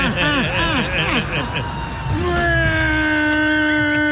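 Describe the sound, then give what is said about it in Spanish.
A voice imitates a newly bought sports car engine being accelerated hard, first with sputtering, wobbling pitch swoops like a choking motor, then settling into a long, steady, slightly rising revving drone. “¡Qué feo suena tu carro, güey! Le hace falta el cambio de aceite, güey.”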